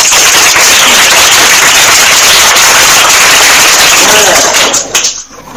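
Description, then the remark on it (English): An audience at a primary school quiz breaks into loud, dense applause for a correct answer, a steady wash of many hands clapping for about five seconds before it quickly dies away. “A round of applause.”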